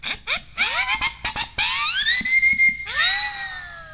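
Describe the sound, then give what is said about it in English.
A homemade double siren whistle, made of two siren whistles glued to a PVC T-coupling, is blown in several short chirping bursts, then in longer shrill blasts whose pitch sweeps upward and holds, loud with no talking. “Yeah, I took 2 siren whistles and a PVC T-coupling, and I glued the siren whistles to the T-coupling so I have a double siren whistle, and I can make crazy sounds like this.”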